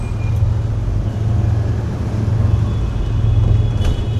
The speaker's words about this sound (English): Around us, the motorcycles, mopeds, and even more motorcycles swarm, loaded with extended families and curious cargoes, moving with the logic of a running river, exploiting any weakness in the terrain to forge a new stream.